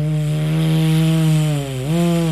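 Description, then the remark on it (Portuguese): A voice imitates the wind striking the twisted branches of the inharé trees at Malhada do Inharé: a sustained, buzzy low hum holds steady, dips briefly in pitch near the end, then rises again, fairly loud and alone. “A assombração era a seguinte: os galhos do Inharé, eles ficam todos contorcidos e o vento bate e faz.”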